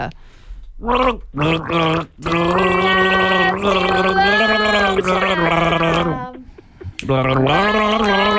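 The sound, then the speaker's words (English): A person gargles water while voicing the melody of a song by a band performing at Savannah Sounds at Rexmill Park in Port Douglas, as a name-that-band game, producing a bubbly, warbling tone in several phrases with short breaks between them, fairly loud and with no other sounds. “We're playing the gargle game.”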